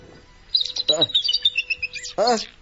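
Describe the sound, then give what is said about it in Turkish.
Canaries in cages sing a bright, high-pitched warbling trill that runs steadily for about two seconds, with two short bursts of human voice breaking in partway through and at the end. “Bu kanarya sesleri de nereden geliyor?”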